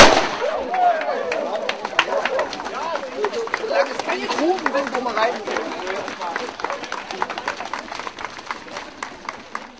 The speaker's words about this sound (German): Der junge Mann hier wird dann fachgerecht mit der Pistole zeitgleich mit Hönstedt den 5-Kilometer-Lauf den Start hier vollziehen. Achten Sie bitte auf den Knall und dann wünsche ich Ihnen recht viel Erfolg.